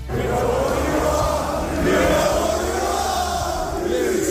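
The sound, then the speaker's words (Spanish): The Anfield stadium crowd boos City steadily and loudly whenever City has the ball, a dense low roar of many voices that swells around the middle and never lets up, with no one speaking over it. “Cada vez que tenía la pelota el City le han estado permanentemente abucheando”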